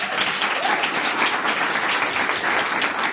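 A studio audience applauds steadily during a radio show, dense overlapping claps forming a loud, continuous wash of noise that holds even from start to finish with no voices standing out.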